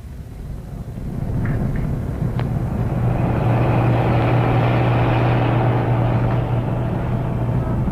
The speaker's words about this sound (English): Well, here they go, Cuts, on their way to get rid of the truck and its driver. Their car following so close behind to bring Louis to the hideout where they've done their work.